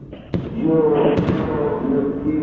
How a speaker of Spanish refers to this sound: Obviamente bombas de estruendo. Bueno, terrible fue el recibimiento para este plantel. Yo no estoy, todavía no entré al estadio, sigue explotando los fuegos artificiales. No estoy en el estadio.